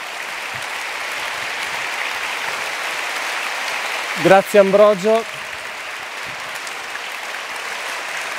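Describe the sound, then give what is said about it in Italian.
Steady, sustained applause from a sizable audience at the Rimini Meeting, organized by the Comunione e Liberazione movement, fills the whole stretch, with a man briefly speaking a short phrase over the clapping midway through. “Ti ringraziamo veramente, questi applausi dicono del gusto con cui ti abbiamo ascoltato.”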